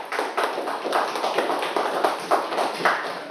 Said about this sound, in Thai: ปรบมือให้กับกลุ่มที่4หน่อยค่ะ